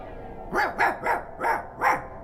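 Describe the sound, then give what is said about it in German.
A guard dog, a German Shepherd, barks five times in a steady, evenly spaced series, each bark short and fairly loud, with a quiet background and no voices. “Mit Wächter und neuerdings sogar Hunden.”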